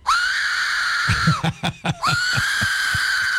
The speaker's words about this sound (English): This is called an Aztec death whistle. Yeah. The scream comes from a skull-shaped whistle named the Aztec Death Whistle. It's pretty cool looking.